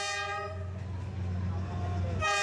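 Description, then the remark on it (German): A passenger train's loud horn blares in two blasts, bracketing a heavy low rumble of the train arriving through a narrow alley between houses in Vietnam, on the passenger line between Hanoi and Ho Chi Minh City. “Mehrmals täglich fahren hier Züge durch die enge Häuserschlucht. Ein lautes Horn kündigt ihre Ankunft an.”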